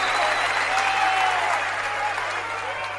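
Steady applause from a crowd fills the whole stretch, a dense, continuous patter of clapping with a faint whistle-like tone drifting over it.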